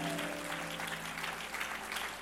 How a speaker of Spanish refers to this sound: Un aplauso fuerte a Jehová.